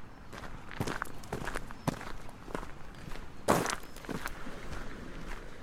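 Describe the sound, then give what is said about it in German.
Steady footsteps walking toward a fence at an even pace, each step a soft crunching thud, with one louder, sharper step midway through; no voices. “Dann wanderten wir auf den Zaun zu.”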